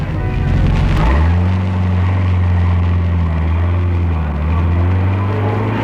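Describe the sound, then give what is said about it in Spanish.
A taxi's engine revs up sharply and then drones steadily at high speed as it chases another car through London traffic, loud, with a busy rumble of traffic noise around it and no talking. “La persecución se estableció a través del tráfico londinense.”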